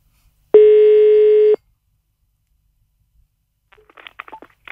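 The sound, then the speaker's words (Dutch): A single loud one-second telephone ringing tone, a steady buzzing hum, followed by about two seconds of silence and then faint scattered clicks and rustling, like a handset being picked up. “Ik ken het telefoonnummer bijna.”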